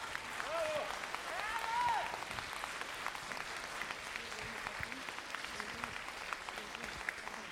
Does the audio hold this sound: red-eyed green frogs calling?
no